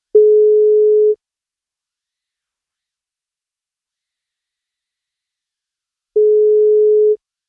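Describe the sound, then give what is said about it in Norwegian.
Two steady, mid-pitched tones of a telephone ringback, each about a second long, separated by roughly five seconds of silence, as heard while an outgoing wake-up call from radio station NFM to a birthday listener waits to be answered. “Og hvis han tar telefonen, så blir det bursdagskake.”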